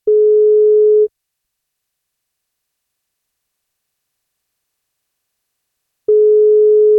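A telephone ringback tone while calling someone for the NFM radio station's birthday wake-up call: a steady mid-pitched tone sounds for about a second, falls silent for five seconds, then starts again, clear with no voices.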